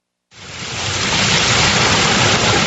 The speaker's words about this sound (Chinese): 8月6号，随着埃里克塔木取水的电子闸门缓缓抬升，塔里木河的最长源流叶尔羌河河水奔涌而下，水流一路绵延超过350公里，在与和田河交汇后最终汇入塔里木河干流。